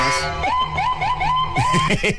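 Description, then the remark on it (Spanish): A police patrol car siren blares loud, its tone sweeping upward in quick repeated whoops over a low road rumble, then breaking into choppier bursts at the end. “Es más, dijiste partido que se fue amañado, luego la patrulla, ¿eh?”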